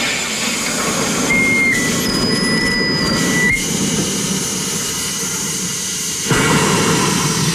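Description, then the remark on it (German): A soda maker carbonating water in a bottle, after the bottle is locked into the machine and a lever is operated: a loud, steady rushing hiss with a low rumble for about seven seconds, thin high whistling tones early on, and brief shifts in intensity partway through. “das ist das Schließen des Apparats mit der Flasche. Und dann muss ich hier einen Hebel betätigen.”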